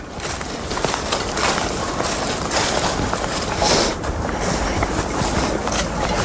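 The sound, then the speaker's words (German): A dense, steady shimmer of ice tinkling and clinking like wind chimes, countless tiny chimes overlapping, fairly loud and continuous with no voices. “Oh, das ist echt schön. Wie Windspiele.”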